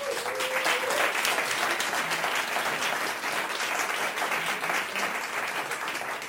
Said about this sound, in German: bitte großen Applaus